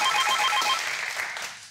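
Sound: telephone ringing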